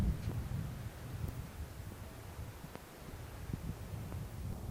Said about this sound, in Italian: se il vento non ci porta via prima